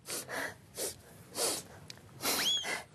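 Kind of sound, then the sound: human body sound, nose blowing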